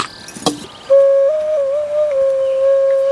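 After a brief click, an ocarina, one of several among many musical instruments at Cudne Manowce, sounds one long, pure, breathy note at a steady mid-high pitch, wavering and stepping slightly, loud and with no talking.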